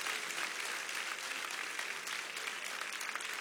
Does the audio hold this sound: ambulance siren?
no